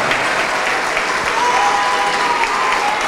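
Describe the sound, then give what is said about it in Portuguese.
An audience at a church service applauds loudly and steadily as people come forward to pray, a dense wash of many hands clapping, with a faint sustained tone and murmuring voices blended underneath. “Isso, vamos nos alegrar e aplaudir por cada vida que está chegando. Vamos aplaudir mais.”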